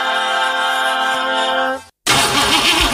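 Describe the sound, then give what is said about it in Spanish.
A car engine cranks and struggles to start: a steady whining drone, a brief silence, then loud, rhythmic churning that never catches. No voices. “¿Se te rompió el auto?”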